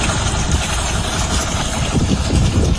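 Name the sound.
boat engine idling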